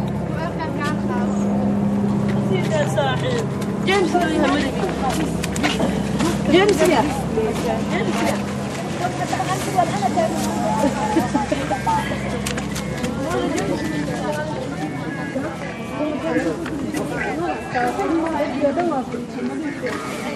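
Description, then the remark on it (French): A steady, low droning engine of a Frontex surveillance propeller airplane flying over the city of Dunkirk and its seawall, holding an even pitch throughout, with people chattering underneath and occasional bird calls. “Voilà l'avion de Frontex qui survole la ville de Dunkerque, la digue.”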